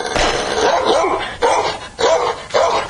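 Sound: dogs barking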